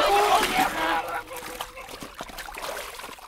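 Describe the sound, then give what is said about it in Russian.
Women holding a man by the legs let go and he plunges into the water of an ice hole with a loud, churning splash and cold spray, quickly fading into softer sloshing and trickling, while a voice sounds briefly at the start. “Бабы, державшие его за ноги, отпустили их, и он окунулся в воду. Баб обдало холодными брызгами.”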